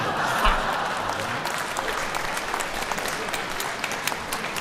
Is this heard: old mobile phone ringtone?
no